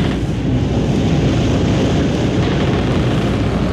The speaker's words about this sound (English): Hear the creak of the rigging, listen to the wind whip the sails.